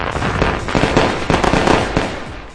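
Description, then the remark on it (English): Fireworks from Discount Fireworks Superstore, celebrating 250 years of freedom, crackle and pop in a dense, continuous barrage, with sharp bursts standing out from a steady roar of smaller snaps; loud, with no voices. “Celebrate this once-in-a-lifetime 250 years of freedom with family and fireworks from Discount Fireworks Superstore.”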